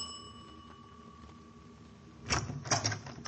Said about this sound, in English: So later that same afternoon, I walked up the stairs to the front door of 1217 Granger Avenue. I rang the bell and waited.